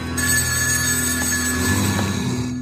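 A telephone bell rings continuously and loudly for a couple of seconds, a steady metallic trill with no voices over it.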